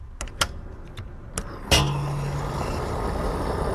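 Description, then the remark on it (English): A few sharp clicks and knocks, then a car engine rumbles to life at a gas station and keeps running with a steady low hum and broad noise. “I'm here at the gas station right now, and if you, like many Americans, fill up your car with gas, you know very well that the price has jumped up in recent months.”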